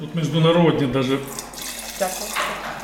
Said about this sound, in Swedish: häller upp ett glas direkt från ståltanken, Pinot Noir.